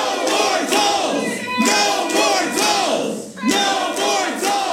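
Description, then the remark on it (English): A crowd at a city council meeting shouts and chants together in the council chamber, shouting down council members over a toll lanes project, in loud, overlapping bursts rising and falling in rough waves with no single voice standing out. “Most of the speakers were against the project, and Mayor Rob Harrington had some removed from the chamber for being disruptive and shouting down council members.”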